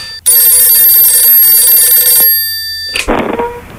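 A telephone rings loudly and clearly for about two seconds as a listener calls in with a question, a bright sustained electronic tone with rich harmonics, then cuts off, followed by a short rustle or click as if the receiver is picked up.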